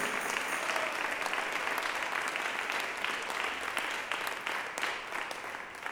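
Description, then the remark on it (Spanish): An audience claps steadily and densely for several seconds in applause for the Lord, a continuous wash of many hands that stays fairly loud before easing off slightly at the end, with no voices standing out. “Démosle un aplauso al Señor en este día, pero démoselo con todo el corazón.”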